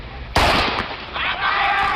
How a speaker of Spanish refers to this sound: Podemos decir que la carrera comienza con el disparo, pero el sonido tiene que llegar al oído. El cerebro tiene que procesarlo, el músculo tiene que activarse y el pie tiene que empujar el bloque.